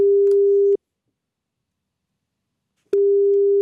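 A telephone ringback tone while calling a döner kebab shop, purring steadily and clearly, then falls silent for about two seconds before the next ring begins. There is no talking.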